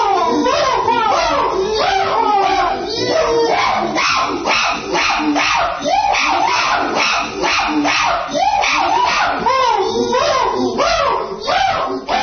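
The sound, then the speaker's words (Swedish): A chorus of chimpanzees at the Los Angeles zoo screaming and hooting excitedly, with loud overlapping high-pitched calls that rise and fall in pitch, continuing without a break from start to finish. “Och det här är schimpanserna när de lyssnar på ….”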